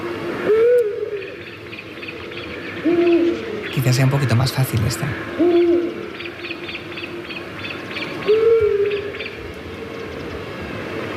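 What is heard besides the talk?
owl hooting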